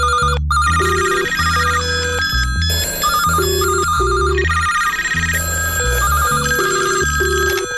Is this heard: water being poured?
no